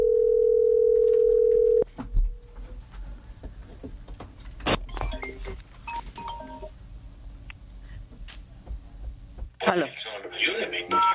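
telephone dial tone

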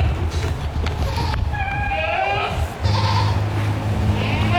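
goats bleating

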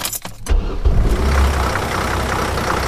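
campus bus engine running

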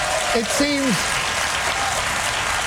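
studio audience applause

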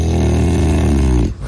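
dog snoring

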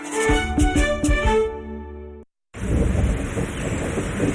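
rain falling

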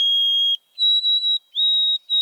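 white-throated sparrow song

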